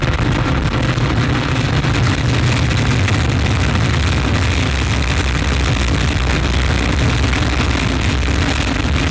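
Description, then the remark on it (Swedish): A rocket lifting off after ignition of its Vulcain main engine and EAP boosters: a loud, steady roar of engines with deep rumbling lows and a harsh crackling hiss that holds without letup for the whole stretch, no voices heard. “Top, allumage EAP, décollage.”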